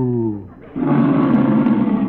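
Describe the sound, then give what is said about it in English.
A single loud, low moo from a cow named Bossy as she is milked, beginning as a smooth, humming tone and then breaking into a rough, raspy bellow lasting about two seconds. “I'll milk her again. Now watch. Moo.”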